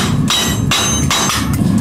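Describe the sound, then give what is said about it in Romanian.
A special hammer beats a sheet of steel into shape in a quick, steady series of loud metallic strikes, each ringing briefly before the next blow lands, with no voices. “Tablele de preferat să fie oțelite ca să-i dea sunetul așa și să bate aici, să bate în forma asta. Pentru asta am un ciocan mai special.”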